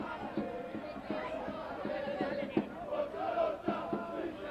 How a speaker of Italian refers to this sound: In sottofondo continuate a sentire i tifosi del Taranto.